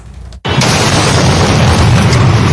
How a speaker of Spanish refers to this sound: La explosión registrada en la avenida Joaquín Orrantia, frente a un reconocido centro comercial del norte de Guayaquil, estremeció a la ciudad en octubre de 2025. El ataque destruyó ventanales, sembró terror